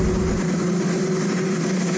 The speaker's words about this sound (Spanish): Sin un cámara de televisión presente, solo se escuchaba el ruido del helicóptero de fondo mientras Trump hablaba con algunos periodistas en el jardín de la Casa Blanca.